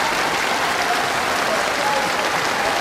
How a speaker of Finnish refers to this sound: Sinne jäi aplodien saattelemana tämän Radiopookin maanantain tangovartin kolmas tango.